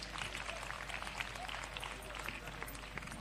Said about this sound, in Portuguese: As crianças que aqui cantaram, ela é que ensina as crianças a cantarem e queria pedir uma grande salva de palmas para ela.